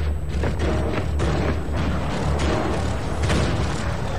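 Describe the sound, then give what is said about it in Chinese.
Heavy Japanese artillery cannon fire during the assault on the Gin Drinkers Line across the Kowloon Peninsula, Hong Kong, on 9 December, with several deep booming blasts at irregular intervals over a constant low, loud rumble of battle noise. No one speaks. “日军派出重炮进行强攻，炮声轰鸣，硝烟漫天，九龙半岛狼烟遍地。”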